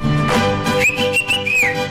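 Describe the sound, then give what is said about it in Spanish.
A person whistles a short melodic phrase, the clear tone rising and holding steady, heard over a dense background of music with no one talking. “Mira, hay quienes lo escriben y yo lo leo, pero hay quienes cantan, hay quienes gritan, hay quienes chiflamos.”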